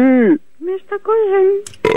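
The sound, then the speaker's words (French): A man lets out a series of loud belches: a long drawn-out one, two short quick burps, then another stretched burp, ending with a rough, noisy gulp. “Non, mais il rote seulement, il pète pas.”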